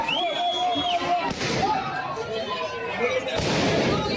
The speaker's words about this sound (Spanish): La policía no llegó a cargar, pero sí que lanzó varios disparos al aire y gas pimienta para dispersar a la multitud.